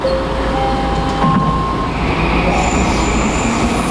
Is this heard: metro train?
yes